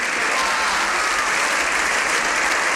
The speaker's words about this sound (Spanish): Todavía estamos escuchando ese aplauso de senadores y diputados en el Congreso.